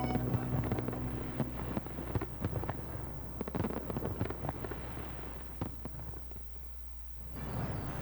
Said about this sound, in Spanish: ¡Disparo!